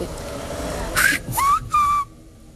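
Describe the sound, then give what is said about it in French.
A whistled Silbo Gomero word, from a whistled system that can stand in for spoken Spanish: three quick, loud whistled syllables with gliding, rising and falling pitch, piercing, over a faint background hum with no talking. “Tu siffles Francisco et en fait, tu détaches Francisco.”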